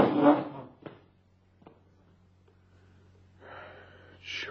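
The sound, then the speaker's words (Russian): A wardrobe door clicks and knocks open, followed by a short pause and then a rough, scraping drag of a huge travel suitcase pulled out of the wardrobe and across the floor to a door. No one speaks. “Наташа тем временем устремляется к гардеробу, открывает дверцу”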